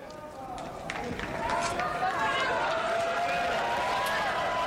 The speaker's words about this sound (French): Des cris de joie accueillent donc le pape Léon XIV.